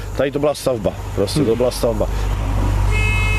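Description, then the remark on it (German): A ship's horn sounds a steady, tonal departure blast given by the captain at the very end, starting just after a man finishes talking, over a constant low engine rumble. “Der Kapitän gibt das Signal für den Aufbruch.”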